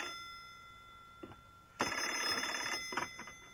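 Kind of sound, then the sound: household object, telephone bell ringing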